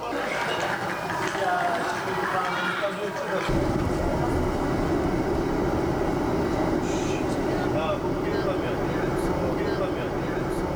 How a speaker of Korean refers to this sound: 고구려 역사의 숨결이 느껴지는 장소에서 밤기차를 타고 이동한 대원들.